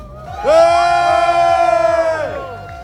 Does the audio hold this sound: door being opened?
no